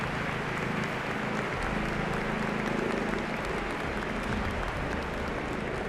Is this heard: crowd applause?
yes